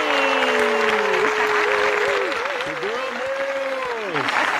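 A warm, steady round of applause fills the whole stretch, dense and loud, with sustained whoops and wavering cheers from the crowd riding over the clapping.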